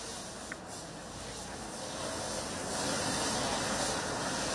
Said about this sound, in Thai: เครื่องฉีดน้ำแรงดันสูงนี่แหละค่ะที่รองนายกยศนันใช้ในการช่วยล้างคราบโคลนที่มันฝังแน่นอยู่ตามพื้นถนนแล้วก็บ้านเรือนในเขตเทศบาลเมืองน่านจุดนี้คือถนนสุมนเทวราชหน้ากาดสีคำค่ะ